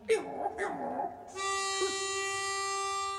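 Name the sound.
dog whimpering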